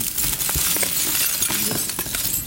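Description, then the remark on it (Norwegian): Small leftover silicon pieces clink and rattle continuously in a box at a laser cutter, a dense, glassy jingle of pieces shifting against each other, fairly loud with no voices. “Her har vi en hel boks med masse leftover silisium.”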